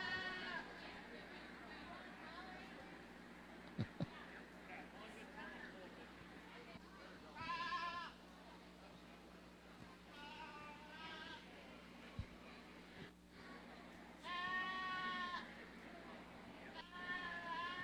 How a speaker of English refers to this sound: let's go ahead and sell this goat